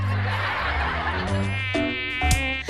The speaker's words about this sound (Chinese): 老公，咱家有蚊子，你看我胳膊上都咬了好几个包了。